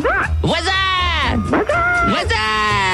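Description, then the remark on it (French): A person mimics a horse's whinny, voicing a loud, quavering call that rises and falls in pitch over several shaky bursts without pause. “Le bruit d'animaux, quand tu peux vous faire le cheval.”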